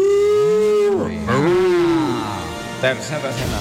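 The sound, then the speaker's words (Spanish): A cow on a cliff moos twice, a long drawn-out low call followed by a shorter rising one, then quieter rustling and faint background noise. “Una vaca ahí en el acantilado. Vaca en el acantilado jugando.”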